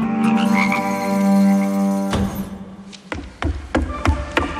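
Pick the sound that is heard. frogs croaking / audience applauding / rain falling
frogs croaking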